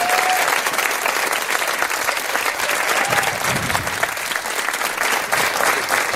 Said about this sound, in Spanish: A ver ese aplauso de calentamiento. Muchas gracias.